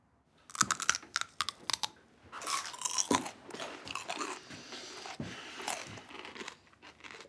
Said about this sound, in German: Die Geräusche, die sie beim Kauen machen, kenne ich nur aus dem Zoo. Oh, bin ich zu laut? Ich höre es in meinem Büro. Entschuldigung.